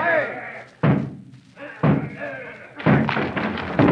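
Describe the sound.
A house door being battered down by a group surrounding the house: three loud, heavy thuds land about a second apart while raised voices shout around and between the blows.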